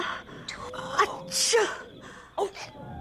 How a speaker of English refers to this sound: they heard your sneeze.